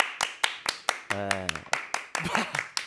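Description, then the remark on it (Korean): Steady, sharp hand claps repeat at an even quick pace, about a dozen in all, while a brief drawn-out vocal sound and some murmured talking rise over the clapping midway. “야 화면 밖으로 나가서까지 박수를 또 맞습니다.”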